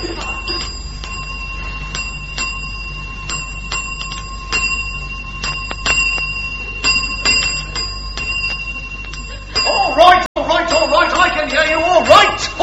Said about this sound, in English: It says, if you want the attendant, ding the bell.